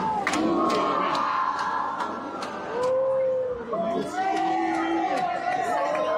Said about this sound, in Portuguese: O vice-presidente da República, Geraldo Alckmin, manteve a tradição de 4 décadas e participou da missa solene ao lado do ministro da Saúde, Alexandre Padilha. Na saída, Alckmin foi recebido com aplausos e vaias.